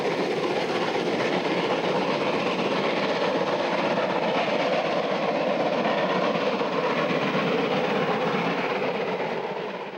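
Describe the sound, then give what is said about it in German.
A steam locomotive sounds from its thick chimney as it alone hauls a 10-carriage train up the climb out of the Neckar valley onto the Swabian Alb, with a steady, loud, dense roar of rumbling and rattling that holds constant throughout, no voices, easing only slightly at the very end. “Aus dem dicken Schornstein der 01166 erklingt jetzt die unverkennbare Akustik der 0110.”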